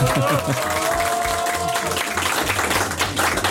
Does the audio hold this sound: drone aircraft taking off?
no